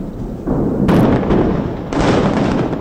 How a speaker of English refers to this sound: Israel says it's demolished an underground tunnel network built by Hezbollah in southern Lebanon with explosions so huge they caused an earthquake